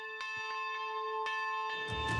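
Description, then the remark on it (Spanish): A church bell peals with several resonant strikes, each blooming into a long, humming ring that overlaps the next, growing busier and noisier toward the end. “Supondrá que el último repique que escuche el pontífice en nuestro país antes de marcharse será el producido por una campana palentina.”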